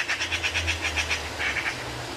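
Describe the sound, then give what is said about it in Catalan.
A Eurasian magpie (Pica pica), a bird very common in farmland along the river, gives a harsh, rapid rattling chatter, about nine scratchy notes in a quick even run, a short pause, then a few more, over a low steady rumble. “Garça. Pica, pica. Au molt comuna a les zones de conreu de tot el curs del riu.”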